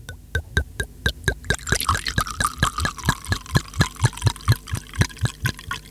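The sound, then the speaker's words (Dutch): A drink glugs steadily out of a bottle into a glass, a fast, even run of gurgling pulses with a splashy liquid wash rising midway, clear with no talking. “Even kijken, ik heb een glas. Ja, je hebt er twee zelfs. En wat doen we met dat glas? Schenken, schenken.”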